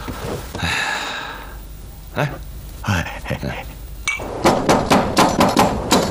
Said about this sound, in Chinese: 半夜三更敲什么门？